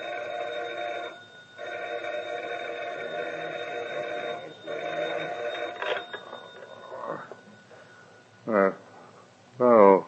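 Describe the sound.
A telephone bell rings at a sheriff's home at dawn in three long, steady bursts separated by short pauses, then falls quiet. A couple of brief voice sounds follow near the end.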